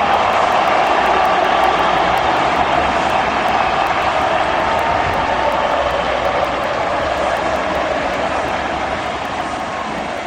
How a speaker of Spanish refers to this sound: Todo lo que aparece Messi se transforma en aplauso, en ovación. Es impresionante. Impresionante.